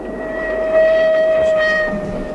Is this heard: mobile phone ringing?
no